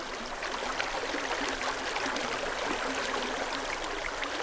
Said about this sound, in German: Was Sie im Hintergrund hören, ist die Moldau an ihrem Ursprung. Noch ein leise plätscherndes Bächlein im Böhmerwald, dem Nationalpark Šumava.